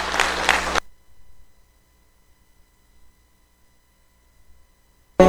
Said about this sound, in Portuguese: Dê uma salva de palmas para o nome do Senhor Jesus.